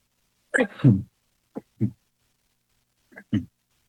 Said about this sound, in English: Excuse me, I have to sneeze. Excuse me.